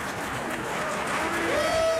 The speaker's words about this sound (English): And the audience applauds the Santa Fe Opera Orchestra.